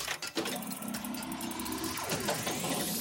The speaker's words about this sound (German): Bei dir rumpelt es aber auch ordentlich. Ja, ich bin gerade im Auto mit meinen Kindern.